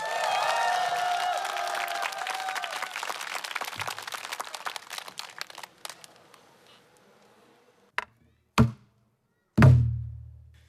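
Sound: audience applause and cheering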